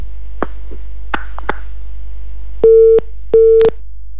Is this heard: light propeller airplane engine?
no